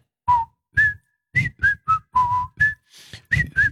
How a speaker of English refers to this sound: I think we've had enough whistling